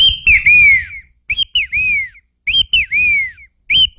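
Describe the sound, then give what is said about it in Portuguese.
A caged songbird sings loud, clear whistled phrases of rising and falling notes, repeated in three or four bursts with short pauses between them and no talking. “Vai cortar o canto do bicho, rapaz? Isso faz mal pro pássaro, sabia disso?”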